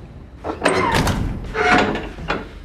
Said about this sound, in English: Shut the door.